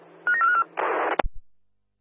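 A rapid run of short, bright telephone dialing tones, followed by a burst of hissing static and a sharp clunk, with no one speaking.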